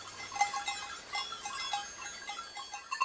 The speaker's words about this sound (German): Die Ziegen haben reichlich zu tun. Sie können die Verbuschung bremsen, aber nicht komplett aufhalten.